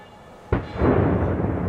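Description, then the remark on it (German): A sudden sharp blast from demolition charges, ignited to bring down the 90-metre boiler house of a decommissioned coal power plant in Förder, cuts through a quiet background, followed by a loud, sustained low rumble as 30,000 tonnes of steel collapse, swelling and rolling to the end. “Erst die Zündung.”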